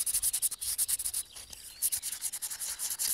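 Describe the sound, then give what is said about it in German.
Rapid, rhythmic scraping strokes as the surface of a hard-fired clay pot is lightly roughened by rubbing, a steady raspy hiss repeating many times per second with a short pause midway. No one speaks. “Von daher würde ich empfehlen, die Oberfläche leicht zu brechen oder aufzurauen.”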